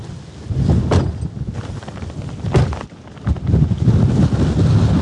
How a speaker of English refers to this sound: So we're just standing on one of the high points on the farm. We can see rough... I'm just going to shield you so the wind is coming that way.